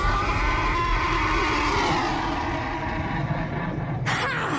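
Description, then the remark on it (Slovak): A loud, drawn-out horse whinny whose pitch slides steadily downward over several seconds, ending with a short, harsh noisy burst. No one speaks. “Pekelný tátoš, zabijú.”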